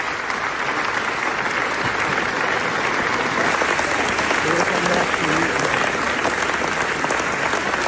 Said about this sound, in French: Nous avons écouté là quelques secondes des près de 25 minutes d'applaudissements à la Mostra de Venise. C'était le 10 septembre dernier à l'issue de la projection du documentaire NASA.